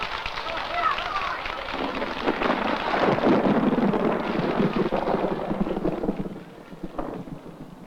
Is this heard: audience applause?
no